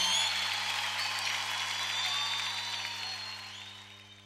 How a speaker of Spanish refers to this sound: aplausos.